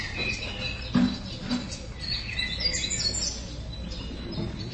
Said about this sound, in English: It's a new morning. The sun is up. The birds are singing.